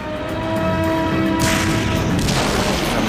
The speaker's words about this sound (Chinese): 突然响起了炮声